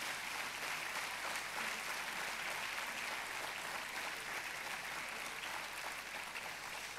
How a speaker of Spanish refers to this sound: Le damos un aplauso más al Señor Jesús.